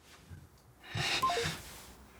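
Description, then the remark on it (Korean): A few quick electronic beeps step down in pitch as a mobile phone keypad is tapped to call the Hanok Village police substation and report someone, over a soft rustle and breathy noise; no one speaks. “나 신고할 거예요, 신고.”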